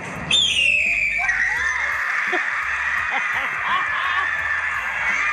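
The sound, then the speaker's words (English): A person imitates a red-tailed hawk's call: one loud, harsh, high scream that slides downward and stretches into a long, strained, wavering tone over a noisy background. “This is what is actually the red tail hawk sound.”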